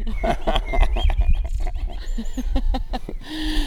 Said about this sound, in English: These are not robot blackbirds, are they? No, these are real regular blackbirds. Can you hear that one? I think everyone can hear that.